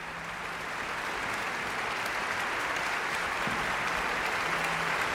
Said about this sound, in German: Das ist jetzt ein extra Applaus für die Holzbläser, die viel zu tun hatten in dieser Ouvertüre. Und auch die Hörner und die Pauke und das ganze Orchester dürfen noch einmal aufstehen.